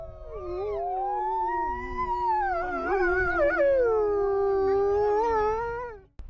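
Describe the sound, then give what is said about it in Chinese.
Several wolves howl together in a sustained chorus, long overlapping wavering tones rising and falling for about six seconds at a steady, fairly loud level before cutting off abruptly. No one speaks. “我觉得他是我的孩子，我是这些狼的爸爸，我们了解他们的野性，他们理解我的善意。”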